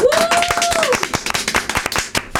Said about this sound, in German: Ja, Applaus. Allerdings.